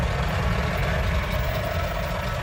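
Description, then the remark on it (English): A heavy truck engine rumbles steadily on the Mahi Mahi Road, the long, winding truck route from Nairobi to Naivasha in Kenya that curves around the Great Rift Valley, a deep continuous drone with a broad hiss on top, no voices. “I'm on the Mahi Mahi Road, which is the long, winding truck route from Nairobi to Naivasha that curves around the Great Rift Valley.”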